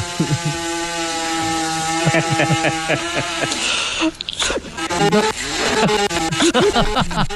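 A loud chainsaw being started and running: the engine drones steadily, then revs and surges with rising and falling pitch swoops before settling into a rough, sputtering run.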